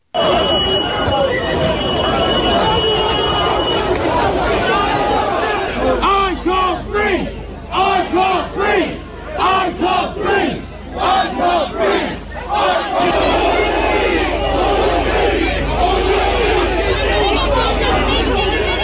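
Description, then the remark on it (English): A large protest crowd in Southampton shouts and chants together, loud, voices rising in ragged waves with brief dips between bursts, the roar of many people filling the whole stretch. “It is such a sad, heartbreaking case, but it's sparked a lot of conversations and a lot of division around the country, including protests over in Southampton near where Henry was killed.”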